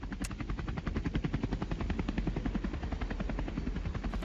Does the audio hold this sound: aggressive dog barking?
no